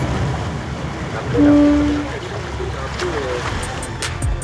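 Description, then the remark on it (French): Ambience aboard a boat at sea during a day of exploring shipwrecks: a steady wash of water and low engine rumble, a short tonal hoot partway through, scattered knocks and faint voices in the background. “Merci beaucoup pour votre accueil à bord de ce bateau, parce que c'était vraiment une journée merveilleuse.”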